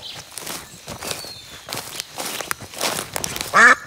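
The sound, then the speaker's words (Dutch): Footsteps crunch through forest undergrowth at the green edge of Brussels, then a single loud, nasal quack bursts out near the end from a duck in the woods. “Dus die eend die zat op een trompet in het bos, die daar uit de grond stak.”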